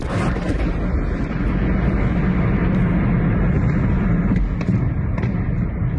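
A steady, heavy roar fills the whole recording, with a few sharp cracks scattered through it and a quick series of explosions popping near the end: ammunition stored in a warehouse in the village of Mila, west of Kyiv, Ukraine, detonating in a chain reaction after a Russian drone attack.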